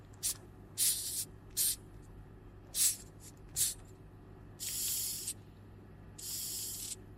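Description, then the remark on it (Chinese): A Madagascar hissing cockroach hisses by expelling air, in a series of breathy, high-pitched bursts, several short puffs followed by two longer, steadier hisses, with no talking over a low background hum. “就是它就会发出那种嘶嘶声，就是如果说你在它的面前去听的话，你其实发现声音也不小，还挺大的啊。”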